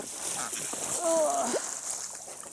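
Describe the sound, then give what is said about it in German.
Water splashes and sloshes steadily, with a bright hiss throughout and a brief high-pitched squeal rising and falling midway. “Wasser ist gut, ne?”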